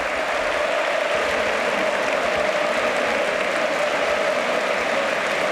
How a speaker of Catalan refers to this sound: Sí, sí, connexió, mira, ja veig gent que s'aixeca. Mira com somriu, sí, aplaudint. Mira com somriu.